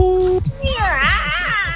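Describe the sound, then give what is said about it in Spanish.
A person auditioning with an imitation of a witch makes a high, wavering witch-like screech that slides up and down in pitch, sounding much like a meowing cat. A brief steady digital tone comes just before it. “A los mismos sonidos, pero un poco más bruja, menos gato.”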